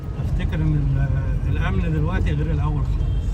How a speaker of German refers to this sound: Er lenkt sein Auto weg vom Tahrirplatz, weg von der Politik, die seinem Land kein Glück gebracht hat.